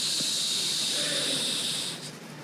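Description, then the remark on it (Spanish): A voice makes a steady, breathy hiss imitating sand trickling through an hourglass, a continuous high-pitched shushing that holds evenly for about two seconds before fading slightly. “Hago así porque era un reloj de arena, ¿verdad?”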